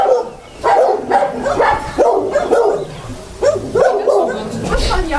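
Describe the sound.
Several dogs in outdoor kennel runs in a back yard bark and yip over one another at unfamiliar visitors, in steady, overlapping bursts, fairly loud, with some higher whining mixed in and a voice talking underneath.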